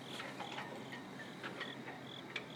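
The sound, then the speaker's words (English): A cricket in a tree chirps in short, repeated high-pitched bursts, faint, over a soft steady outdoor hiss, late at night at the Hamilton train station in New Jersey, with a little wind blowing. “There's a cricket in a tree, and wind blowing three flags.”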